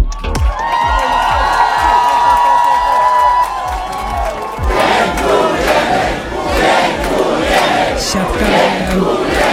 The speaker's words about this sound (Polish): A do kraju wrócili nasi złoci medaliści. Biało-czerwoni siatkarze w sobotę w Mediolanie obronili tytuł najlepszych w Europie. Pokonali Francję 3-1 na lotnisku Chopina w Warszawie. Przywitał ich tłum fanów.